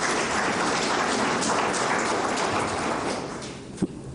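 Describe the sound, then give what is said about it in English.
A crowd breaks into steady, dense applause, a continuous wash of many hands clapping that holds loud for about three seconds before thinning out, with a single sharp knock near the end. “Give us a round of applause for that one.”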